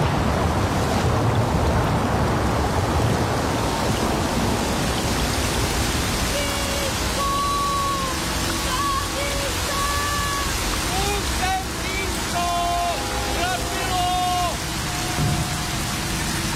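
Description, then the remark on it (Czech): A heavy downpour in a storm roars steadily the whole way through. From about the middle, sustained tonal, voice-like sounds rise over the dense hiss of the rain. “Vylí se z nebe liáku, poutníka v bouři žeň.”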